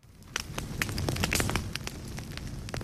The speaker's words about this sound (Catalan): Avui comencem... Bé, amb foc, però foc del bo, eh? No del que crema i fa mal als boscos, no, no. Foc de festa.